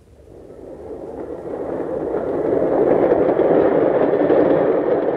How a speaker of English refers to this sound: Oh, come on, better get out onto the platform. The train will be coming soon.